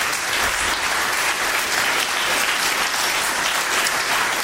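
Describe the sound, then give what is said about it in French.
Sustained audience applause at a concert at the Alliance Française, a dense, steady wash of many hands clapping at once, loud and even throughout with no pauses and no voices rising above it. “j'aimerais tout simplement que vous les applaudissiez encore”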